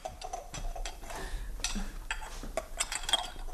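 Wine glasses clink and knock against each other in a quick, irregular series of bright taps as they are set out on a table for a bottle of wine. No one speaks.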